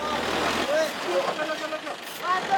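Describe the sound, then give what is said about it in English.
Heavy trucks packed with medicine, food and tents idle in a steady, rumbling jam on the only route into a disaster zone near Betrawati, their engines droning continuously while indistinct voices carry faintly through the noise. “Trucks packed with desperately needed medicine, food, and tents.”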